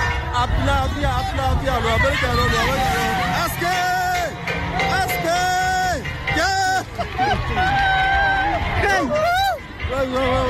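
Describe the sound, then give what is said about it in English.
A crowd of Nigerian villagers cheers soldiers of the Nigerian army, with many voices shouting and calling over one another in a loud, continuous hubbub, and high-pitched cries rising and falling throughout. “The villagers, the way they were cheering the military, it just showed the love.”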